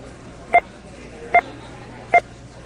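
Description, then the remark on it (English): Three short electronic beeps sound at an even, steady pace, each a brief two-tone blip like a phone keypad press, standing out clearly over a faint, quiet background hiss; each beep stands for $100,000 spent by American consumers. “While you listen to those five beeps, people just spent $500,000.”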